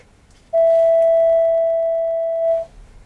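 A single steady, pure electronic tone at a mid pitch holds evenly for about two seconds, then cuts off. It is a synthesized tone giving the frequency of one of the hammers in Pythagoras' forge. There is no clang or strike at its start, and no talking.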